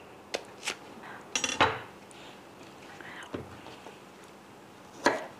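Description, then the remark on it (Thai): A knife thinly slicing mango on a plate, with a handful of sharp clicks and scraping taps at irregular intervals, including a quick cluster of cuts, with no talking. “แล้วถ้ามันชิ้นใหญ่เปรี้ยวหนามากเนี่ยกินเข้าไปมันก็เปรี้ยวเกินนะคุณผู้ชมแล้วก็ฝานให้บางหน่อยค่ะจะได้ไม่เปรี้ยว”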